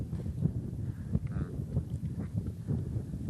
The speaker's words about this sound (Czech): A vidíš ten vítr, kámo? Cítím.